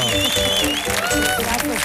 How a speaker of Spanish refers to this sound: Fuerte el aplauso